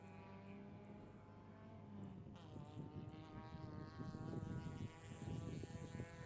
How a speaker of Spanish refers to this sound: Ahí tenemos dos autos en el fogón en este preciso momento, dando la vuelta.